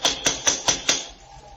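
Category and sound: impact, knocking on a door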